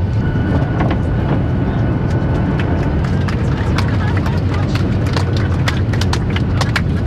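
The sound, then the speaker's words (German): A passenger airplane landing at Ben Gurion Airport in Israel: a loud, steady low roar and rumble with scattered sharp rattles and clicks running throughout, without letup, as the plane rolls down the runway. “Richtung Landesinnere, fast schon bis Jerusalem, so klein ist ja dieses Land, hat dann gedreht in den Bergen, man hat also schon sehr viel Grünes gesehen und sie setzt jetzt zum Landeanflug an auf dem Flughafen Ben Gurion.”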